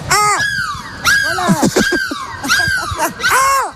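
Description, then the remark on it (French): Several voices imitate seagull cries to say goodbye, a series of loud, rising and falling squawks in quick bursts, overlapping one another with a bit of chatter beneath, in the bus of the Énergie radio morning show. “On se dit au revoir. On crie de la mouette.”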